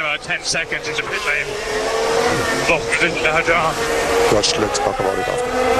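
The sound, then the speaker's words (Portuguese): A racing car engine whines steadily while the safety car is on track, its pitch sweeping up and down through gear changes, loud and continuous for several seconds with voices talking over it. “Safety car na pista, quanto tempo esse cara vai ficar na pista ainda”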